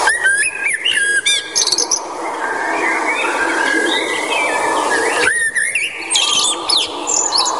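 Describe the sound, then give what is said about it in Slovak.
Common blackbird song: rich, fluting whistled phrases rising and falling in bursts, with a pause in the middle, over a steady hum of other birds chirping in the background. “Áno, je to drost čierny.”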